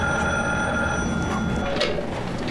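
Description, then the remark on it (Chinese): A telephone rings steadily and insistently for the whole stretch, a bright, buzzing electronic tone that stays loud with no pause and no voices. “你快接电话吧，也不知道是谁，都响了好几次了。”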